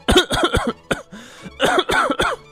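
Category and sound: human body sound, repeated coughing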